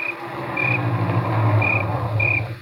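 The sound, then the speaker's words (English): A car engine hums steadily as the vehicle pulls into the driveway of a house on a ranch and settles, while high, evenly spaced insect chirps sound in the background. “There was another car in the driveway when we pulled up.”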